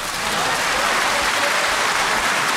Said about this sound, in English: Round of applause for all of you.